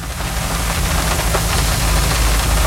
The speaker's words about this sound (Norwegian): Det eneste jeg hører lyden av regnet mot bilruta, men vi tek likevel opp lyd.